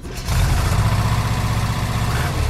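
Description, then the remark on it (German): Heavy truck engines rumble at idle at the third Hammer Trucker Festival on the Ökonomierat Peitzmeierplatz by the Zentralhallen in Hamm, Germany, a steady low-pitched throbbing that swells up after a brief quieter start and holds loud and even throughout, with no voices. “Ja, auf dem Ökonomierat Peitzmeierplatz direkt an den Zentralhallen läuft das dritte Hammer Trucker Festival.”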